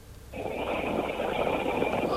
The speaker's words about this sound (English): She's snoring. She's gone to sleep.